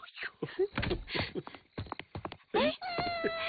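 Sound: cat meowing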